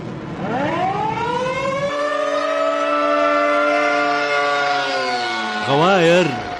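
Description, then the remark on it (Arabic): A civil defense air raid warning siren in Saudi Arabia winds up from low to a long, steady wail, holding its pitch for several seconds before warbling up and down near the end, loud and sustained with a low hum beneath. “استفاقت مملكة الترفيه السعودية على صافرات الإنذار.”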